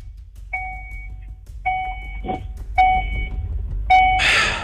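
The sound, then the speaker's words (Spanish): A car's door-open warning chime repeats four times at a steady pace, each a bright two-tone electronic beep over low rumbling background noise, with a burst of hiss at the end. “Oiga, ¿por qué suena un pito ahí, mija? El auto, ¿a dónde está abierto? ¡Cierra la puerta, po!”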